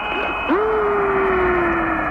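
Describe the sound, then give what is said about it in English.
A mysterious whistling radio sound from space heard by astronauts, like outer-space music: an eerie whistle sweeps up abruptly, then holds a long, steady tone that slowly drifts lower in pitch, over crackling static and a thin, high hum. “Do you hear that? That whistling sound?”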